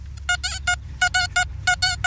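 A metal detector is passed over a gold coin that was handed in, giving bright, buzzy electronic beeps in quick groups of about three, repeating in a steady warbling rhythm over a low background rumble.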